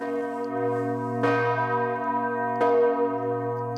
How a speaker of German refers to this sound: Der Weg zu den großen Glocken ist abenteuerlich. Wer zur vollen Stunde hier ist, kriegt ordentlich etwas auf die Ohren.